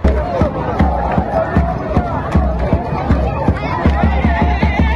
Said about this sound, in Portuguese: Essa alegria toda é da torcida do Congo, que empatou na estreia com Portugal.